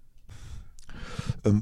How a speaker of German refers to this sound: Dafür trinke ich erstmal einen Schluck Kaffee.